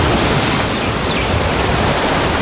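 ocean waves

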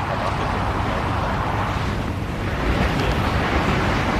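gusts of wind

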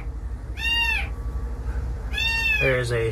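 kitten meowing

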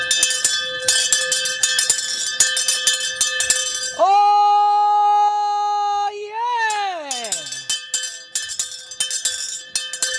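town crier's handbell ringing

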